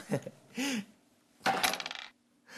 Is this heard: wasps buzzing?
no